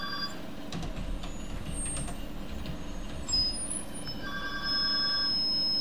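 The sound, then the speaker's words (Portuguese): A telephone rings with thin, high electronic tones over a heavy, continuous low rumble like traffic or an engine. The ringing is fairly faint and grows steadier toward the end. “Eu vou ter que atender o telefone.”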